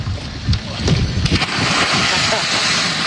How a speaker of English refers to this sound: but he kind of belly flopped, I think, because he really did not want to dive into the murky water, which I respect.